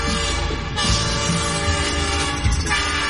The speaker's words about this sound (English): Hop aboard the train for a fun-filled tour around the farm.